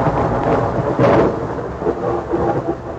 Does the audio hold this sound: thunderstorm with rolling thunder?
yes